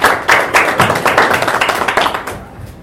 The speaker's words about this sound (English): let's put our hands together and introduce Professor Nancy Mukka